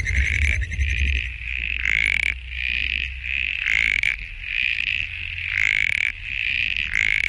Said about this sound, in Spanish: Muy parecido, más tradicional, este es el sapito antifaz